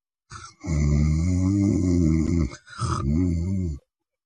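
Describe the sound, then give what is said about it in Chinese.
A voice imitates a young man's light, even snoring as he sleeps at night in an inn: low, rumbling breaths, two long drawn snores in a steady rhythm, fairly loud, with no other talking. “祝青宁这小呼噜打得挺匀”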